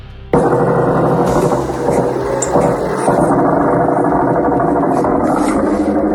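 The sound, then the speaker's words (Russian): Attack drones buzz overhead above a house during a drone attack on the port of Ust-Luga, a loud, steady mechanical drone that starts abruptly and holds for several seconds, a dense engine-like hum with a whining harmonic edge and no voices. “Гидробатоны над домом летают. Жужжат, и все где-то летит.”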